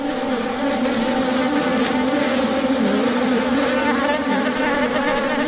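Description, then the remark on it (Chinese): A dense swarm of flies buzzes steadily as they feed and lay eggs on the carcass of a capybara dead for several days in a wetland, many overlapping wingbeat drones forming a continuous, wavering hum that stays loud and even throughout, with no voices. “一群苍蝇在尸体上进食产卵，之后卵会孵化为蛆虫。”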